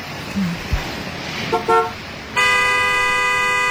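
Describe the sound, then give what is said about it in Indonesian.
A car horn gives a couple of quick short toots, then blares in one long, loud, steady blast over low road rumble, honking at a pedestrian. “Woi, kalau mau mati jangan di mobil gue.”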